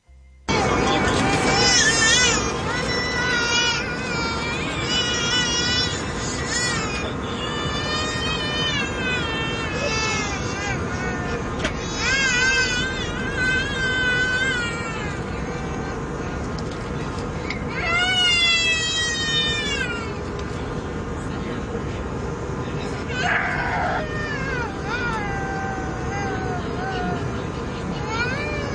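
Three babies crying at the same time, their high, wavering wails overlapping and rising and falling without a break, loud and constant for the whole stretch.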